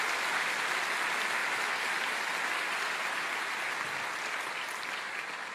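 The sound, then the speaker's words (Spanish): The audience of Iglesia Cristiana Filadelfia applauds in welcome to viewers watching over the internet, a steady, dense wash of many hands clapping at an even loudness for several seconds, with no voices over it. “La Iglesia Cristiana Filadelfia, Jesucristo vive, les da un caluroso aplauso de bienvenida a todos ustedes.”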